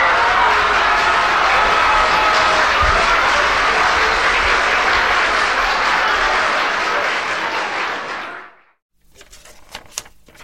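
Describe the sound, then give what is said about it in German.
A button labelled 'Applaus' is pressed, playing a loud, dense wash of recorded applause steadily for about eight seconds, which then fades out quickly, leaving a few faint clicks and rustles. “Frau Kechele, auf dem Knöpfel steht Applaus. Draufdrucken, Frau Peters, draufdrucken.”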